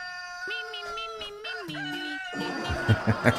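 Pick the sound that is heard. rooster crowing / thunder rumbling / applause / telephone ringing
rooster crowing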